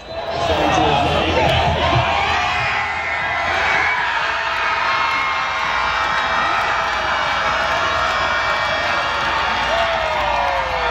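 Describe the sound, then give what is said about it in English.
A huge, packed home soccer crowd at BC Place roars and cheers after Canada scores again against Qatar, heard from outside the stadium: a dense, loud, unbroken wall of voices that holds steady throughout, with shouts and whistles rising out of the din. “Coming up at the top of the hour, a thunderous celebration moments ago at BC Place as Canada scores again against Qatar in front of a packed home crowd.”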